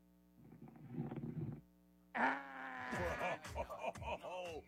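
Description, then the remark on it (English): A single rough, rumbling snore from a caller asleep on a hum-laden phone line, followed after a short pause by a man talking loudly. “Was my dude snoring when I went to him?”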